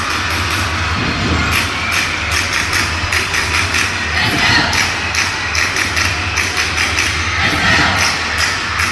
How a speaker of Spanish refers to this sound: Y la gente todavía se mete, aplaude, o sea, está gozando el partido, a pesar de que ya hay algunas personas que se han retirado.